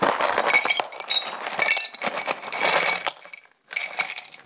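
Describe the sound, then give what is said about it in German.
Small glass shards, picked up with gloved hands, clatter and tinkle into an old jam jar, a dense run of bright clinks and rattles, pausing briefly before another burst of jingling glass. “Ich nehme mal hier ein paar von den kleinen Scherben.”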